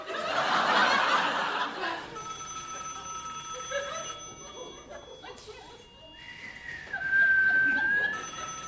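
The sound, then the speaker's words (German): A telephone rings with a steady, bright electronic tone that follows a burst of audience laughter, while a rising whistle-like tone cuts in near the end. “Emma, da schält's. Hä? Telefon.”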